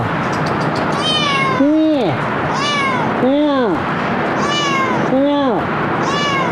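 A cat meows repeatedly, about eight insistent, arching calls in quick succession, some higher-pitched and some lower, over a steady background hiss, during a rescue in which the cat is being accustomed to a rope.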